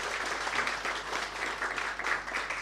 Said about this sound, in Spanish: Saludar en primer lugar al honorable diputado de la República y miembro además de la Comisión de Salud de la Cámara de Diputados de Chile, don Cristian Mella. Por favor, un fuerte aplauso para él.